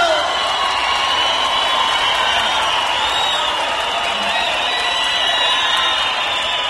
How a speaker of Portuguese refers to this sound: Cadê os aplausos?